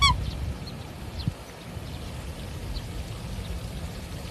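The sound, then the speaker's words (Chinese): A black swan incubating four eggs on its nest, the third nest, gives a sharp honk at the very start, followed by a few faint, scattered calls over a steady low outdoor rumble. “第三窝黑天鹅孵蛋格外警觉，再有两天，身下的四个蛋就会孵化出雏鸟。”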